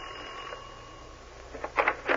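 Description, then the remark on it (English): A doorbell rings in a few quick, bright bursts near the end, following a stretch of low steady hum with no voices. “All right, ring the bell.”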